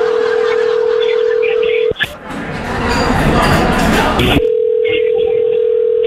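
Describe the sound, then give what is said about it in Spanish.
A telephone number is dialed again over a phone line after the other party hung up: a steady, loud dial tone hums, is broken by a few seconds of harsh noisy hubbub, then the tone returns. “Vamos, ya te colgó. Vamos a marcarle otra vez, ¿ok?”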